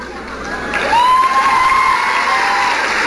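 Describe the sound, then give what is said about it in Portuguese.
A crowd applauds and cheers loudly and steadily for about three seconds, and a high whistle swoops up and holds above the noise. “Vocês estão aplaudindo porque os homens que passam na vida de vocês fedem?”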